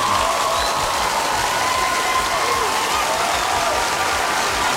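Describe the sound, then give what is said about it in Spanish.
Loud, sustained applause from a crowd on a Saturday morning radio show for Bolivian Teacher's Day (Día del Maestro), a dense, steady patter of clapping that fills the whole few seconds without letting up, with no one speaking over it. “¡Fuerte los aplausos!”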